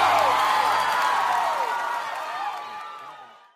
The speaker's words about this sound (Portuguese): Uma salva de palmas para o